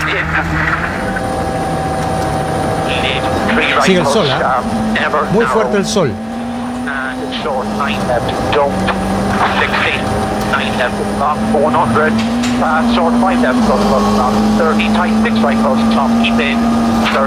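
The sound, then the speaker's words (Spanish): A rally car engine, heard from onboard the car of rally driver Joshua McErlin, drones loudly and continuously, its pitch wavering and slowly climbing as the car accelerates, while a commentator talks over it throughout. “Ahora estamos arriba del auto”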